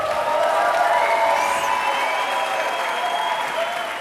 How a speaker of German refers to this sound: Ja, den Beifall wollen wir natürlich gönnen. Das war live aus der Yellow Lounge in Berlin.